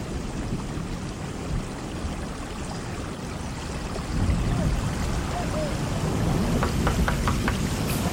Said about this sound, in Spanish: Una lluvia comenzó y todo desapareció lentamente.